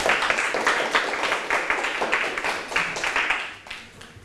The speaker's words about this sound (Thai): เข้าที่ครับปรบมือให้เพื่อน